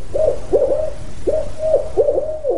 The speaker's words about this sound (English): To answer that, Wood and his team deployed audio recorders in roughly 1,000 locations throughout 2,300 square miles of the northern Sierra Nevada. And then they listened for 2 years, collecting the faint calls of spotted owls and barred owls, too.